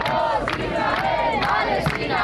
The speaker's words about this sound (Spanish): Un par de centenares de personas recibieron a los tripulantes del barco entre abrazos, gritos a favor de Palestina, como escuchan.